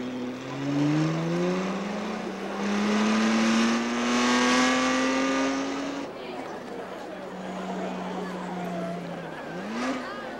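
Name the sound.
race car engines revving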